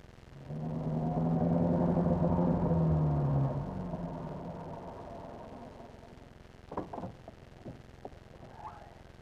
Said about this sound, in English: Listen! Did you hear that? There's a car out there. It just drove up. It's your imagination. It was not my imagination. I heard a car.